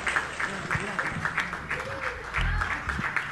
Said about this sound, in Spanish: Se ha llevado todos los aplausos de esta sala, esta señora tan hermosa y tan buena cantante.